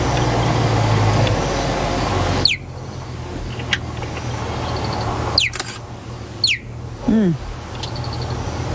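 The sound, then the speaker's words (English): A cheetah gives several sharp, high, bird-like chirps, spaced a second or so apart, each sweeping quickly downward, after a stretch of steady background rumble. The final chirp is lower and more drawn out. “No, this is a sound a cheetah makes.”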